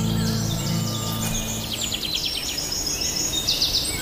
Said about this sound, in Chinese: 每当我们坐下来欣赏鸟儿的鸣唱时，绝不会想到这其实是它们发出的怒吼，是为了警告潜在入侵者